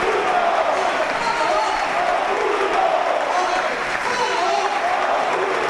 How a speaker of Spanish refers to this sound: Escuchamos la ovación cerrada del Cartagonova.